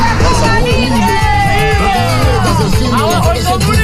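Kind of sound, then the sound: crowd, protest crowd shouting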